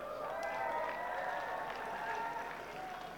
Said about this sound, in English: A few whistles in the crowd.